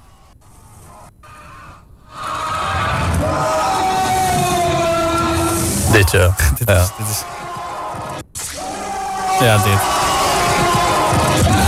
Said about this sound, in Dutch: Al dat geschreeuw met die echo erbij en dan dat lagere gedreun eromheen. Dat is echt oorverdovend gewoon.